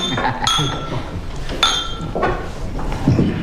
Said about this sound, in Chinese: 庆祝明天开业，大家干一个，来 干杯。